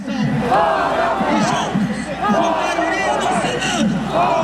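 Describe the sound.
A large protest crowd on Avenida Paulista, Brazil, on Brazil's Independence Day, chants together in loud, repeated bursts, many voices shouting the same rhythmic phrase "out with Moraes" over and over with a dense roar of people underneath.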